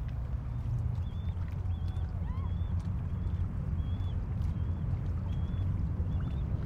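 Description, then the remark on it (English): Canoe paddles dip and strike the water in a steady, repeating rhythm over a constant rushing wash, with faint high bird chirps scattered throughout. No one speaks. “Hit the water.”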